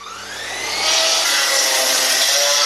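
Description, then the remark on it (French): A woodworking power tool in the SOS Calvaire association's carpenters' and joiners' workshop at Le Lion d'Angers, Anjou, spins up, its whine climbing in pitch over the first second, then holds a loud, steady, hissing roar as it cuts wood. No one speaks. “Les charpentiers et menuisiers ont 2 jours pour la fabriquer.”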